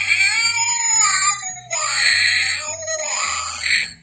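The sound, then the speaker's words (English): A loud, electronic-sounding cat screech from a Halloween novelty sound-effects toy bought at Dollar Tree, wailing in three drawn-out yowls with a droning synthetic tone running underneath. “Thank you, Dollar Tree, for that lovely, lovely sound effects thing for Halloween.”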